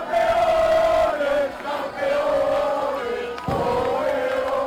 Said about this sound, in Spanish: Sonido de la celebración en el Parque del Salón en Palencia.